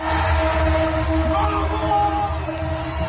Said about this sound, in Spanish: Miles miles de aficionados argentinos han salido a las calles a celebrar la victoria. En Buenos Aires, hasta los trenes se han unido a la locura colectiva tocando la bocina.